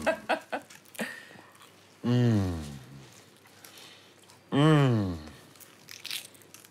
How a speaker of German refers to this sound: Croissants. You want to taste? Ja. Darf ich reinbeißen? Just rein.